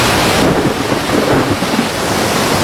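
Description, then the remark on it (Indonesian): A sudden, loud, steady thunderstorm around a boat, with heavy rain pouring continuously and deep rolling thunder rumbling underneath, with no voices present. “Mengapa tiba-tiba ada badai? Air sudah masuk perahu.”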